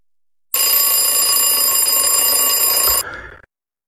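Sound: alarm clock ringing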